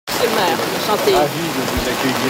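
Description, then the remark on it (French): Steady, dense hiss of rain falling outdoors at Place du Québec in Paris's 6th arrondissement fills the scene, with indistinct voices murmuring underneath throughout as Quebec's premier is received by the district mayor. “Christine Fréchette est reçue sous la pluie à la place du Québec”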